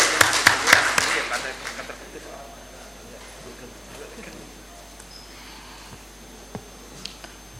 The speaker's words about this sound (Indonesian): Waalaikumsalam, beri tepuk tangan.